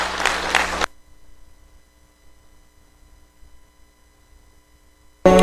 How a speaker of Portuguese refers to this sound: Dê uma salva de palmas para o nome do Senhor Jesus.